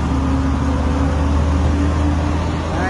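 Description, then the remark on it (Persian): A steady low engine rumble of idling vehicles queued for kilometers at the Khosravi border terminal, where the border is closed; continuous and fairly loud throughout, with a broad hum and no voices. “اینم وضعیت پایانه مرز خسروی.”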